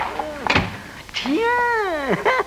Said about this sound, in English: shut the door quick.